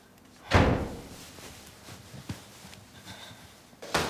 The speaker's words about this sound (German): Und, Tür zu! Es zieht!